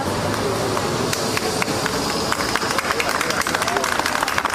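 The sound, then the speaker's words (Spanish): A group of people applauds steadily as evacuated cruise ship passengers arrive at the Gómez Ulla hospital in Madrid, Spain, a dense wash of overlapping claps with crowd murmur and some footsteps beneath, outdoors. “Sonido de su llegada al hospital, donde eran recibidos entre aplausos por un grupo de personas.”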